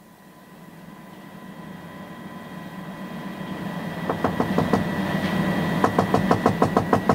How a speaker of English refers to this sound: I was woken by someone knocking on the door.